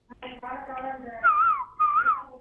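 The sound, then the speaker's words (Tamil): A whistled imitation of a koel's call: two bright, wavering high phrases, each rising then warbling, following a brief stretch of voiced, hum-like sound. “ஓ, குயில் மாதிரி பாடுறீங்களா?”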